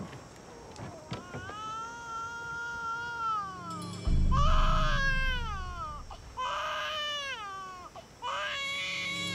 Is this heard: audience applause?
no